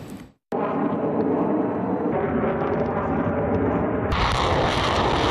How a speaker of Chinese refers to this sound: 随着演习正式展开，先期空地火力对敌实施远程打击